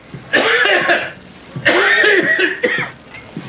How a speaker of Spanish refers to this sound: Doblándose por la tos, entrega la bandeja al guardia.